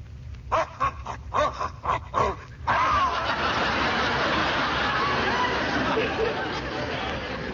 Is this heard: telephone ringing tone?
no